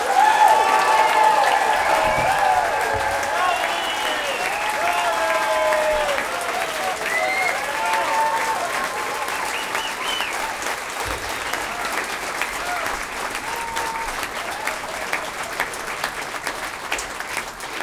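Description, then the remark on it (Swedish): Loud, sustained applause from a large audience for a string orchestra fills the whole stretch, dense and steady with some cheering voices on top early on, gradually easing slightly in intensity. “den varmaste och största och högljuddaste applåder för den här stråkorkestern!”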